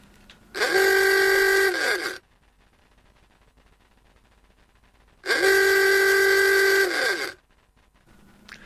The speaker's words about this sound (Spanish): El típico claxon del Forté que se tocaba con una pera de goma y luego el inconfundible traqueteo del motor del Forté.